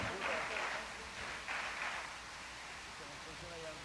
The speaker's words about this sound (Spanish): Sí, el aplauso para Rodrigo, sí señor. Muy merecido.